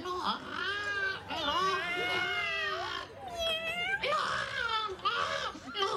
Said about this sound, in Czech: tady je někde kočka. Kočka, kočka, hele, jí tamhle.